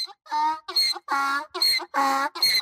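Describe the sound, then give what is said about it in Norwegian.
A donkey named Hi-Ha brays in Georgia, heard in the distance by police searching for a missing child, in a loud, harsh run of about six rhythmic hee-haw bursts, alternating strained high-pitched honks with raspy intakes, with no other sounds. “Ja, det var et esel som kom mot dem, og ja, det var tydeligvis truende nok til at det søte, skjønne, folkeelska eselet Hi-Ha ble altså skutt og drept.”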